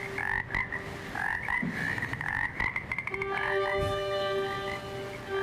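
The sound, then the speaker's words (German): A chorus of frogs croaks steadily, repeated rhythmic calls overlapping at moderate loudness, with a few higher trilling notes joining partway through. No one speaks. “Interessant, gell, dass da gleich ein paar Frosch auf der Wanderung gleich mitgehen, wenn der Bogen so über die Seiten wandert.”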